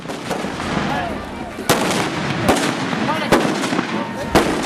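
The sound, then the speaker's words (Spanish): Four loud, sharp explosive blasts go off at irregular intervals, each a booming crack over a steady murmur of crowd noise and voices: festive explosions set off by striking hammers on the ground in San Juan de la Vega, Celaya, Guanajuato, Mexico, commemorating a saint. “En varios poblados de México, la gente tiembla a causa de descomunales explosiones.”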